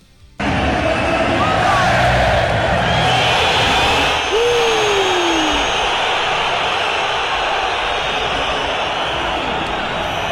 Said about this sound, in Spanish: Una silbatina absolutamente generalizada. ¿De todo el estadio? De todo el estadio. La tenemos para escuchar. Así recibieron a Julián.